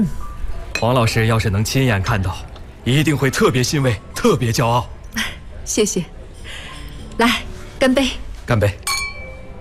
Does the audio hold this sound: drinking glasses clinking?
yes